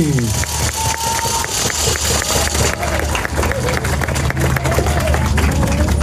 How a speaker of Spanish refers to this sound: Y señoras y señores, perdón, amigas, amigos todos, vamos a un aplauso fuerte para el licenciado José Ricardo Gallardo Cardona, gobernador constitucional del estado de San Luis Potosí.